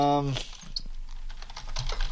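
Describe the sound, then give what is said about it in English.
Rapid clicking of keys on a computer keyboard, a steady run of light taps, briefly overlapping the tail of a voice at the start. “You can hear me plucking away at the keyboard here.”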